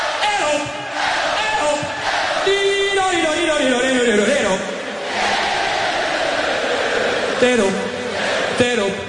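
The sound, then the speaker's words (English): A huge crowd at Wembley Stadium on 13 July 1985 sings back in loud unison, answering a singer's sustained, wavering vocal lines, with a dense roar of voices filling the space throughout. “A man with a moustache, dressed in a white vest and stonewashed jeans, strolls to the front of the crowd and starts to sing. And the crowd sings back.”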